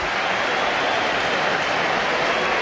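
Crowd applause for Hugo Duro fills the whole stretch: a dense, steady hiss of many hands clapping at an even, fairly loud level, with no single voice or clap standing out.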